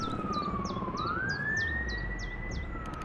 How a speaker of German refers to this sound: Gestern haben wir bemerkt, dass etwas passiert. Die Sirenen begannen zu heulen.